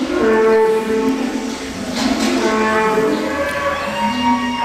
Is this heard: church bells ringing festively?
no